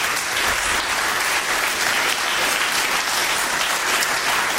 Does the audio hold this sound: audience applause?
yes